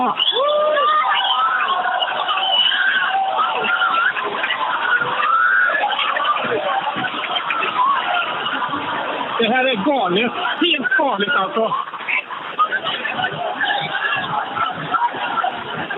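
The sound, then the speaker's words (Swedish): A crowd cheers and whistles steadily in the background while a man speaks excitedly over the noise, as the moon fully covers the sun during a total solar eclipse and people stand filming; the din stays loud and continuous throughout. “Jag hör jublet i bakgrunden och människor som visslar.”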